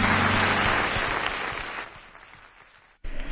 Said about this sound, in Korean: 예수님께 박수하십시다.